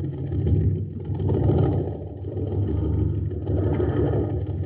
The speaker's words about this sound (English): Gang, this is Captain Dick Tufeld at an Aqua Jet boat race on Mars. My favorite's the Shooting Star. But hey, it doesn't have a chance. The driver's filling up the tank with ordinary fuel.